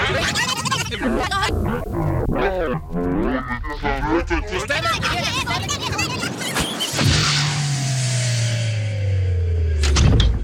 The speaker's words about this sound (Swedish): Så där, då tar jag hissen ner och öppnar dörren till radioarkivet igen.